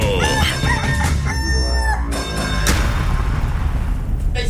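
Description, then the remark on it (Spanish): A loud rooster crow rings out in a long, drawn-out cock-a-doodle-doo over a heavy, booming low rumble, followed by a brief burst of noise. “De aquí sale el mejor gallo.”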